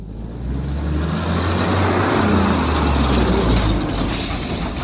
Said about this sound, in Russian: Приехал в субботу, когда солнце уже садилось. Долго выруливал в узкие ворота, сотрясая теплый застоявшийся воздух гулом зиловского мотора.